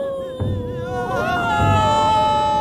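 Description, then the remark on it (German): Several professional mourning women wail, weep and keen in sustained, quavering cries that rise and fall, layered over one another with a low murmur beneath, loud throughout. “Die Klageweiber jedenfalls kamen aus dem Weinen nicht mehr heraus.”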